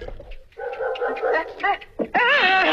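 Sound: dog barking and whimpering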